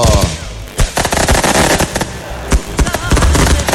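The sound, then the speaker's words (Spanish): A dense, rapid string of loud firecracker bangs crackles continuously, with sharper standout pops scattered throughout, overwhelming. The firecrackers are set off to welcome coach Jorge Daniel Tano Barreto at 20 de Julio, Itanguá. “A ver, poné más petardo, poné.”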